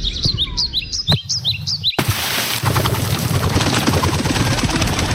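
Loud birds chirp and tweet in quick, repeated bursts in the morning, then, as a striker shoots a ball into their nest, a sudden shift into a dense, noisy wash with fluttering and rustling as the chirping continues in the background.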